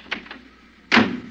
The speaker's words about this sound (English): Well, you get in first, honey. Okay. I don't think your door's closed tight, honey.